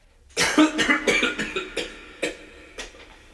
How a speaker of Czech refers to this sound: A také mezi jednotlivými větami cyklické skladby. Zde se naopak netleská a smí se jen kašlat.